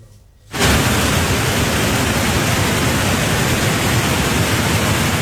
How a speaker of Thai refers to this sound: ส่วนฝนอีกจุดนึงไปตกหนักที่จังหวัดเชียงใหม่ค่ะทำให้มีน้ำหลากลงมาในน้ำตกในเขตอุทยานแห่งชาติดอยสุเทพบุยลักษณะน้ำเป็นสีขุ่นไหลแรงนะคะ